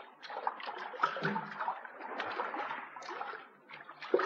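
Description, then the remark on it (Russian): Steady sloshing and splashing of water as oars dip and pull a boat toward a ferry, with irregular swells in the churning, no voices present. “Трофимов подгреб к парому.”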